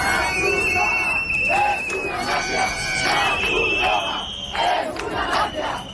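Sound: protesters shouting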